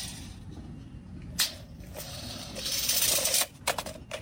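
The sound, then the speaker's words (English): A tape measure retracting: a sharp click, a brief rising whir of blade rolling in, then a hard snap as it locks, followed by a few light rattling clicks. “Is that a... tape measure rolling back up? Yeah, it is.”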